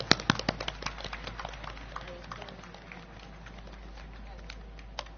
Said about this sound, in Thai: ตั้งแต่ทั้งทหารตำรวจคุณครูนะครับที่ทำหน้าที่อยู่ในพื้นที่4จังหวัดชายแดนภาคใต้ขอเสียงปรบมือดังๆจากทุกท่านด้วยนะครับ